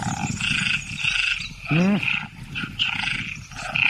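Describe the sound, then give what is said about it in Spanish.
A dense chorus of tree frogs calls continuously in high, buzzing pulses, with one brief, deep, roar-like croak rising out of the din near the middle. “Ranas. Las hembras de ranas arborícolas tardan más en elegir pareja cuando oyen demasiados cantos”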